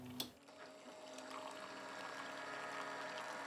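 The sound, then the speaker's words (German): A brief click, then a steady stream of water pouring and trickling over a low mechanical pump hum, continuous, as a motorized coffee brewer wets 15 grams of medium-ground coffee. “Gebrüht wird, wie soll es auch anders sein, motorisiert.”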